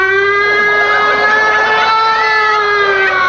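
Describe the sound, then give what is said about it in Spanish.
A woman who sings in a church choir imitates a fire siren with her voice, holding one loud, steady wailing tone that bends slightly in pitch for about three seconds, with no other talk. “antes llevábamos a la tía Mariucha que canta en el coro de la iglesia, la vieja iba a traer el camioncito y hacía”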